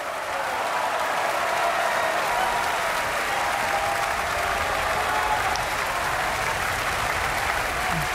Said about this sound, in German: Das ist der Applaus für Georg Niegel, der hier die Titelrolle gesungen hat. Und jetzt fehlt eigentlich nur noch der Dirigent dieses Abends, Ingo Metzmacher, hier auf der Bühne in der Felsenreitschule, gemeinsam mit dem ORF-Radiosymphonieorchester